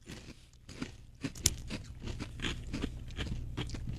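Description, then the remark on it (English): Steady, crisp crunching and chewing of a crunchy snack, with repeated sharp bites and a louder crack near the start, continuing in an uneven rhythm without any talking. “Now let's move on to these bright orange-looking... They look like the tiny hot dogs.”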